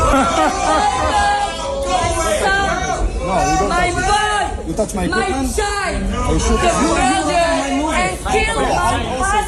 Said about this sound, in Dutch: Het publiek in de zaal in Delft begon te roepen en te joelen en uiteindelijk gingen de lichten in de zaal aan.